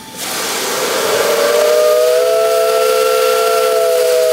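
A loud whistle from an old steam locomotive blows a sustained, steady tone over a thick wash of hissing steam, starting abruptly and holding for several seconds, welcoming visitors at the NMBS train maintenance and restoration workshop in Mechelen, Belgium, during an open day.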